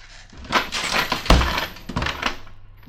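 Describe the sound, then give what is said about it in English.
A trap door slams shut with a heavy, booming thud, surrounded by a rattling, crashing clatter like shaken and breaking objects, with no voices present. The slam breaks the dishes in the house across the street. “I shouldn't have let it slam.”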